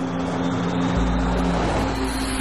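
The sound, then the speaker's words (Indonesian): A car engine drones steadily, its low rumble shifting partway through as the driver slows the car down. No voices are heard. “Aku cuma senyum sambil melambatkan laju mobil.”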